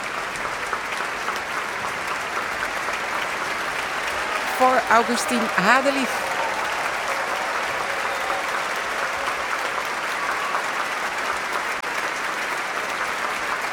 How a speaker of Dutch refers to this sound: En opnieuw een staande ovatie.